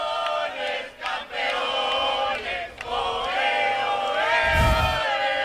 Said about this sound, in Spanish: Así suena la afición española ahora mismo, campeones, campeones, en el Madison Square Garden.